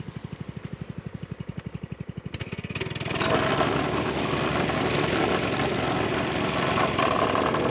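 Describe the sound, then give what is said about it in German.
A vibratory compactor's engine chugs in a steady idle, then revs up at about three seconds into a loud, continuous rattling rumble as it pounds down a road patch filling a hole at a roadworks site. “Möchtest du rütteln? Ja, mach du jetzt.”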